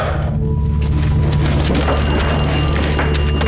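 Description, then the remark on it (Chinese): Over a steady low hum, a shrill, bell-like telephone ring starts partway through and keeps going as a high, sustained tone. No one speaks. “哦，处长，电话。”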